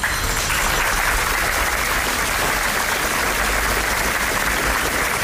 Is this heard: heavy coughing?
no